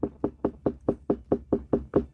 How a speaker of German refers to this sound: Also so hört sich jetzt eine reife Melone an.